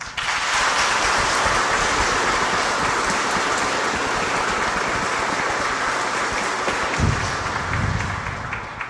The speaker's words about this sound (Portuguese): Uma salva de palmas, então.